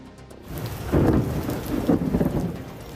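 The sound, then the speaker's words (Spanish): An electrical storm at the Spanish team's last training session before a final: steady, hissing rain and deep rolling thunder that swells loudly around the middle, rumbling on. No one speaks. “Pues a menos de 24 horas para la final, una tormenta eléctrica ha obligado a cancelar el último entrenamiento de España antes del gran día”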